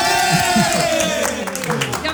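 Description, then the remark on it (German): A crowd cheers loudly and continuously, a dense wash of voices with shouts rising out of it and one long, falling cry carrying over the roar, as the winner of a team contest, Team Alt against Team Jung, is announced. “Ich will jetzt gleich Jubel hören.”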